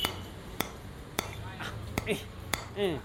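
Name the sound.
hammering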